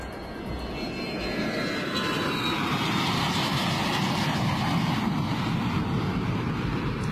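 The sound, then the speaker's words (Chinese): A loud, steady roar of an airplane coming in to land at Dihua, Xinjiang, its engine drone holding constant for several seconds with a slowly falling pitch. No voices. “飞机降落在新疆迪化之后，不能够再飞往兰州了。”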